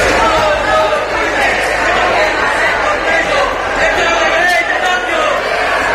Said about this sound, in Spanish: Un fragmento de aquella energía que había sido silenciosa entra en la cámara, rompe los aplausos de los partidos de derecha. Tres activistas chillan desde la tribuna de invitados. Los diputados alzan la cabeza buscando el origen de los gritos.